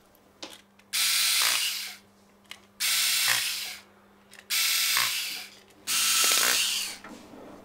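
Harmonica parts being screwed back together: four short, loud bursts of high whirring, each about a second long, separated by brief pauses, with a faint steady low hum underneath and no talking.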